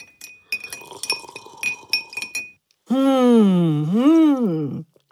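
A spoon clinks repeatedly against a glass of apple tea as lemon and honey are stirred in, in quick, uneven taps with a bright ringing tone, then a long, loud, wavering hum of satisfaction follows.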